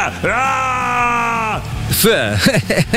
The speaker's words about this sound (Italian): Questo mega stronzo non sa fare un cazzo se non urlare.